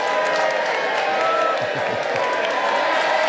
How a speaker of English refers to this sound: there with his laksa, which, you know, deserves a bit of an applause, doesn't it?